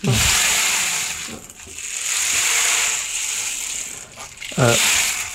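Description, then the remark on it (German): A rainmaker-like percussion instrument is played, producing a steady, bright rattling hiss like trickling grains that swells and dips over several seconds. Brief voice sounds appear at the start and near the end. “Ja, es ist eigentlich ein Percussion-Instrument. Das kann man auch kombinieren. Genau. Wow. Klingt wie ein Regenmacher, so ähnlich ist es auch.”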